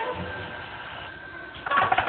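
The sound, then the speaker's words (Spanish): A faint steady whine hangs in the background, then a loud, buzzy telephone ring bursts in abruptly near the end and continues to the cutoff, at night in a bedroom with the light off. “Y se despierta sobresaltado al escuchar el timbre telefónico.”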